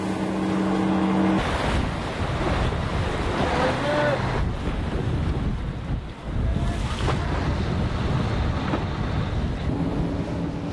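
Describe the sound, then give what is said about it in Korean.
A fishing boat's engine drones steadily as it speeds across the sea toward Moseulpo, racing to reach the yellowtail fishing tide, the hull slapping through the water, with loud rushing water, spray, and gusts of wind throughout. “빠르게 바닷길을 달려가는데요.”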